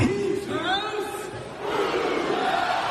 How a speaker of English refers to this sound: Being able to get onto court and lead the Who's House, Cougs House chant was just an absolute dream come true. Hearing the roar back of Cougs House, truly a magical moment.